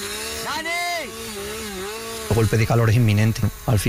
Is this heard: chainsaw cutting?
yes